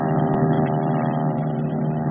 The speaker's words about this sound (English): And bright and early, the planes began to screen down the flight deck, out over the Pacific, and on to the office.